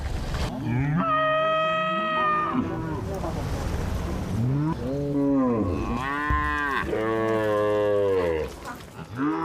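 A herd of Yunling cattle mooing, several long, drawn-out bellows overlapping one after another at close range, loud and continuous with no one speaking.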